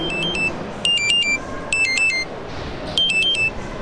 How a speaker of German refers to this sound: Oh, warte mal, klingelt, ja, Telefon klingelt hier, warte mal.